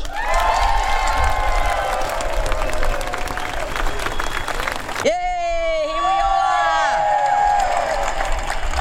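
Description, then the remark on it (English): A large crowd at an ASU rally of Melbourne metropolitan council workers fighting for better wages and conditions cheers and claps loudly in a dense, continuous roar, then a single voice shouts enthusiastically over the noise through an amplified speaker. “How proud am I to see such a crowd?”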